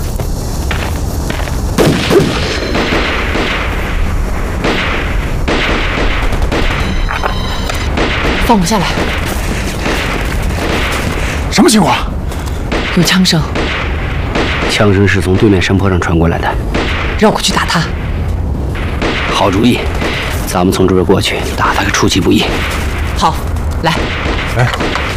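Repeated gunshots crack and echo from a distance, coming from the hillside opposite, arriving in irregular bursts with heavier booms mixed in, over a dense, noisy background that continues throughout.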